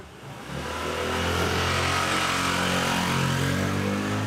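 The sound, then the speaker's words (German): A motorcycle engine growls in a narrow street in Barcelona, Spain, its buzzing drone swelling quickly and then holding loud and steady, with reverberant street noise around it and no voices. “Enge Gassen, jeder hängt seine Wäsche raus, überall fahren Motorradfahrer.”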